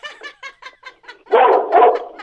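A small dog barks in a quick run of about seven short, sharp yaps, then breaks into louder, more excited barking, alone without talk.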